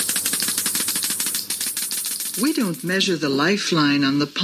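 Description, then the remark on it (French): A Geiger counter crackles with rapid, dense clicking for a couple of seconds, fairly loud, before a voice begins speaking over the fading ticks. “It's done with a Geiger counter.”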